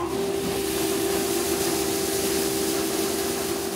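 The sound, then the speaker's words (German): A grain-cleaning machine on a farm runs steadily, sieving out husks and small kernels so only good grains go into baking flour, giving off a constant whooshing, hissy rush over a sustained low-mid hum, with no pauses or changes in loudness and no voices. “Und jetzt würde ich sagen, jetzt lässt du die Maschine einfach mal laufen, oder?”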